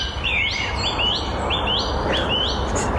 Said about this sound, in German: Und das ist das Flöten der Amsel.